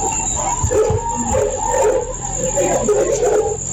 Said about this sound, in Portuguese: Alguém morreu. Dá pra ouvir o pessoal gritando aqui.